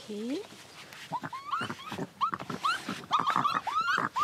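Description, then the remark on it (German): Raccoons, alarmed by the newcomer Pepper kept in a box, give agitated warning calls: a rapid series of high, whiny chirps and squeals that rise and fall, mixed with sharp clicking and scuffling, fairly loud throughout. “Jetzt gibt es erstmal Warngeräusche.”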